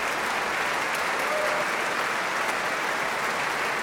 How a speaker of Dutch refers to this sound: En Risto Joost die klapt blij naar het orkest. En laat verschillende secties eventjes in het zonnetje staan. Het orgel, de pauken, koperblazers.